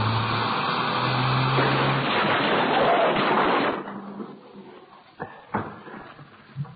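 A car crash: a loud, roaring rush of engine and tire noise for several seconds cuts off abruptly, followed by quieter settling debris with a few sharp metallic knocks and clanks.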